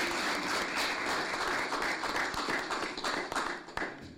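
audience clapping

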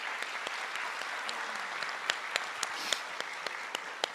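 audience applause

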